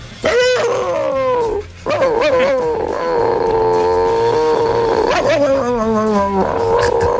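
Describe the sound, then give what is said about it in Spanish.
A person imitates the barking of a neighbour's chihuahua named Klotsky, loud, with a string of high, whiny, drawn-out yelps that waver in pitch, broken by one short pause. “Y le hacía el mismo ladrido que hacía él, que era una cosa como esta.”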